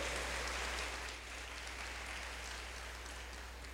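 Steady applause from a crowd in a parish, given for a priest, a dense wash of many hands clapping at an even level throughout, slightly easing after the first second, with no voices over it.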